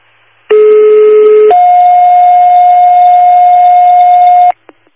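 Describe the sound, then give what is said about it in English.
Fire dispatch radio paging tones from New Hartford fire control, the second tones for an automatic fire alarm at a Red Lobster, 4573 Commercial Drive: a loud, steady lower tone for about a second jumps to a higher tone held for roughly three seconds, then cuts off with a brief click. “Fire control, New Hartford, second tones, automatic fire alarm, 4573 Commercial Drive.”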